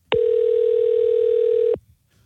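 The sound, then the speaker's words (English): A steady telephone dial tone before a prank phone call to a boss hums at a constant pitch for about a second and a half, loud and unbroken, then cuts off abruptly, leaving faint background noise. “no quiso ir a trabajar hoy, le quiso realizar una clavada telefónica a su jefe.”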